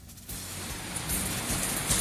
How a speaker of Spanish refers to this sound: No podemos observar acá el video, bastante agua a esta hora de la tarde, llueve bastante fuerte, por lo menos lo que se puede apreciar a través del video.